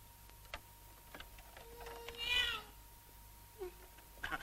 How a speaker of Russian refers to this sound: Мадам Купо, а не кажется ли вам, что это на кухне в кастрюле ваш кролик мяукает?